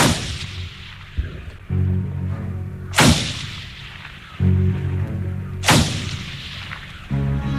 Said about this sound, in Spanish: Minutos más tarde, el silencio de la mansión fue interrumpido por 6 disparos que retumbaron desde la cocina.